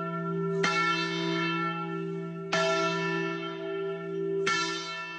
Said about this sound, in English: According to the Encyclopedia Britannica, the very first celebration took place July 8, 1776, just 4 days after the signing, when the Declaration was read publicly for the first time in Philadelphia. And yes, they did ring the Liberty Bell.